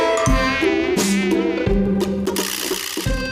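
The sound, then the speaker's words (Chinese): A mosquito buzzes loudly, a thin continuous whine whose pitch wavers and swells throughout the few seconds, with a few low thuds underneath and no voices. “而且刚才我看视频当中啊，说到这蚊子上班啊，比我们都早啊。”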